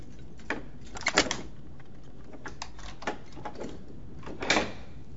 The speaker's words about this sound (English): He fits the key into the lock and twists it.